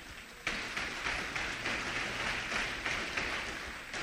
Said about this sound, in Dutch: Kom, geef de Heer een applaus.